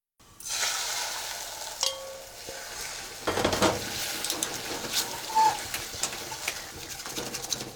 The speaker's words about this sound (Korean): 냄비에다 달걀을 조금 붓고 온도를 체크해봅시다. 소리를 잘 들어보세요. 은은하게 지글거리는 소리가 들렸는지요.